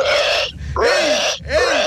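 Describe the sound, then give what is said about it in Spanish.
A caller to a Tropicana radio show, whose hidden talent is imitating animals, voices an elephant's trumpeting: three loud, harsh, brassy blasts in quick succession, each with a wavering, rising-and-falling pitch, separated by brief gaps. “Y el elefante.”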